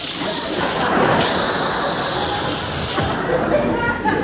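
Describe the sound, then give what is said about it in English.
A voice makes a long, steady hissing 'shh', imitating air leaking out of a balloon. The breathy noise is fairly loud, lasting about four seconds without a break. “And he was a clever little balloon, because he didn't want to look conspicuous himself, and he decided on his way out of the room, he'd let some of the air out of himself. So he'd be the shh.”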